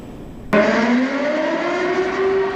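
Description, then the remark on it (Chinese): A loud air-raid siren starts abruptly and holds a steady, wailing tone with strong harmonics, continuous with no voices, sounding across the campus of Lingbi County No. 5 Middle School in Anhui Province, China, during an emergency evacuation and shelter drill. “急促的警报声在安徽省灵璧县第5中学校园内骤然响起，2400多名师生沿着预定疏散路线快速有序撤离教室，在规定时间内全部安全到达操场指定区域。”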